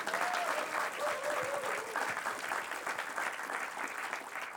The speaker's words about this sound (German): Vielen Dank Ihnen allen. Sie wissen gar nicht, wie viel Sie zum Gelingen einer Sendung beitragen eigentlich. Durch Ihr aufmerksames Zuhören, Mitfiebern und Klatschen und Applaudieren und Jubeln. Das ist wirklich fantastisch.